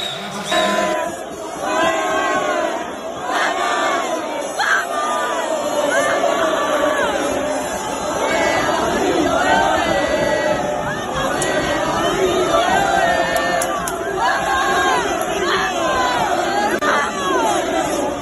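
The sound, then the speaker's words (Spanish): A large crowd of football fans chants and shouts together in a steady, unbroken roar, many voices rising and falling in sung phrases for the whole stretch, with no single speaker standing out, welcoming the team bus as it passes by Fondo de Segura. “Así ha sonado el recibimiento a la guagua en fondo de Segura”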